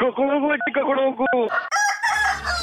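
A rooster crows loudly on Radio Mirchi's Mirchi Murga segment, drawn-out harmonic calls with a brief break, then a second higher, brighter crow overlaps with a low rumble at the end.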